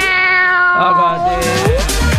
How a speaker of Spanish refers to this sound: ¿Qué le pasó, gatito? ¡Ojo! ¿Qué pasó? Andan peleando ahí, cabrito. Peleando los gatos, oye. Ya, pues, párela. Ya, quédese tranquilo. Gatito, déjale.